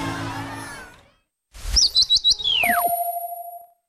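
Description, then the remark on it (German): Bright birdsong: a quick run of four or five high tweets, then a long falling whistle over steady ringing tones, following a brief snatch of music that fades into silence. “Hörst du die Vögel?”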